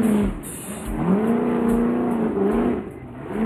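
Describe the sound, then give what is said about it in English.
The Monster Energy team's off-road race vehicle engine revs loudly and continuously on the rocks at the 19th annual Optima Batteries King of the Hammers race, its pitch rising and falling in repeated surges over a steady rumbling roar, with no talking. “This is the Monster Energy team taking on the 19th annual Optima Batteries King of the Hammers. Let's burn some fuel, take on the rocks.”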